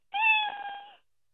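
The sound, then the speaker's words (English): A Build-A-Bear toy cat named Chewy lets out one clear meow, steady and slightly synthetic in tone, lasting just under a second with silence around it and no talking. “It's a cat, and it has the cat sounds.”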